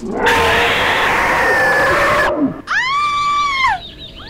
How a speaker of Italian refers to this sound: Hai sentito anche tu urlare la Rottenmeier?